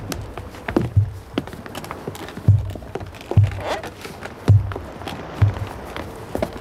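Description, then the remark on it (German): Heavy footsteps thud in a slow, steady rhythm on wooden boards, with faint creaks and knocks between the steps as men climb up into a huge wooden horse. “Das knarrt ja so furchtbar.”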